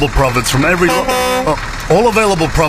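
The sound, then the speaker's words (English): A car horn gives one steady, loud half-second blast in the middle, with a person talking just before and after it. “Stop beeping, I'm making an ad.”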